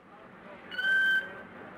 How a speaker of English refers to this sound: He was lowered with tender care into a crate packed with ice and foam rubber, and for extra comfort, a rubdown with 5 gallons of skin cream. It was rather undignified treatment for a killer whale, as Ramu protested.